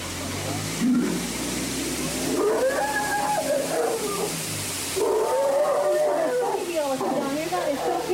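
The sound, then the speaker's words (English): Indian elephants bathing in a sacred bathing pool: a steady wash of splashing water with loud, wavering animal calls rising and falling over it, continuous throughout. “He is the elephant god and the guardian to the sacred bathing pool of the Indian elephants.”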